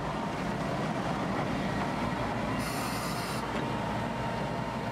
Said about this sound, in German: Ohne Zahnradunterstützung gelingt so die Überwindung einer großen Steigung mittels einer Spitzkehre durch einen Fahrtrichtungswechsel. Der Zug fährt dabei in ein Stumpfgleis.